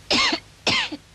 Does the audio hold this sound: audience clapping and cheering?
no